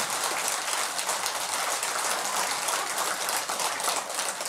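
An audience claps steadily for several seconds, a dense, even crackle of many hands with no pauses and no voices rising above it.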